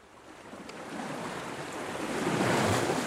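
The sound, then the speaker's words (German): Ocean surf washing onto a shore, a broad steady roar that swells louder toward the end as a wave breaks, with some wind rushing across the microphone. “Es gibt ja Leute, die können, wenn sie am Meer sitzen, so ihre Gedanken baumeln lassen.”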